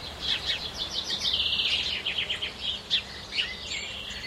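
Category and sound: bird, birds singing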